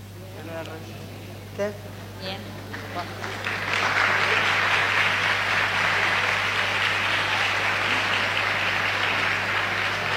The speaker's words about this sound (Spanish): A ver, además de los aplausos, yo les pregunto, ¿alguno se siente identificado con lo que compartieron acá los chicos?